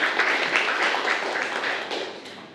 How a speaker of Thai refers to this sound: โอเคดีมากเลยครับนักเรียนปรบมือให้เพื่อนเลยนะครับ